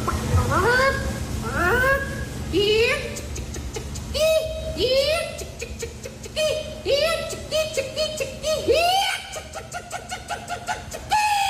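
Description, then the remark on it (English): A woman loudly imitates a chicken in the female chicken calling contest at the Iowa State Fair, a rapid run of clucks rising into repeated stretched squawks, the calls coming in quick bursts for several seconds without pause. “Bunch of people get together, they do their best chicken calls, and these are the people that were on the podium.”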